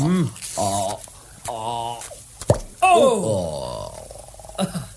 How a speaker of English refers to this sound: I've got the corkscrew, good. Let me open you one of these bottles.